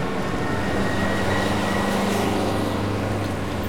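Steady, dense street traffic of cars starting, motorbikes weaving through and trucks roaring their engines: a continuous low rumble of engines with a heavy, droning hum throughout, unbroken, with no voices.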